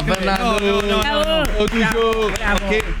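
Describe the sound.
A crowd gives a loud ovation, many voices chanting in long sustained tones while sharp, rhythmic claps cut through at a steady beat throughout.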